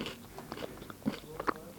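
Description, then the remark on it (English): Crunchy biting and chewing of a strawberry and white chocolate cereal bar, with a steady run of small moist crunches and a couple of louder bites, no talking over it. “I'm sorry if you don't like chewing noises.”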